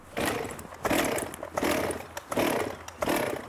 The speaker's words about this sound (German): die Kettensäge startbereit?